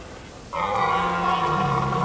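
A red deer stag in the German wilderness bellows a single long, loud roar starting about half a second in, a deep sustained call that holds steady to the end, with no talking.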